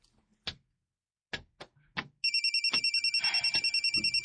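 A few sharp taps, then a cellphone ringtone bursts in loud, a rapid, trilling electronic tone pulsing steadily until the end. No one speaks.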